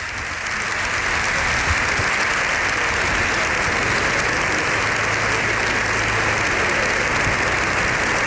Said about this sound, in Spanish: Bueno, pues ahí tenemos el sonido del hemiciclo. Lo escuchamos los aplausos de Congreso y Senado en sesión conjunta. Las tribunas llenas también por las imágenes que estamos viendo.